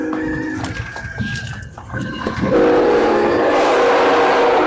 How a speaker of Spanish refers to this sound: Ahí vamos, mi Tommy, pitido del tren. Ahí está.